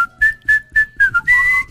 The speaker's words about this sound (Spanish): Por ahí puede silbar. Puede silbar.